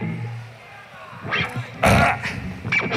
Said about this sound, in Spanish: Es irreverente, lo conocemos, espontáneo y natural, y le sigue haciendo gracia, por ejemplo, meterse un eructo.